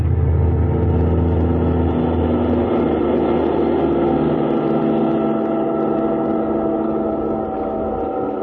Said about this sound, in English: Kismine in the car that needed no roads.